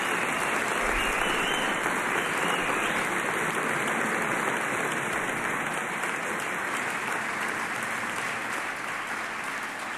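Steady, dense applause from an audience, a loud continuous wash of clapping hands that holds for the full ten seconds without voices or music.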